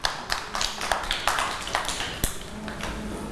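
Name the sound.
children clapping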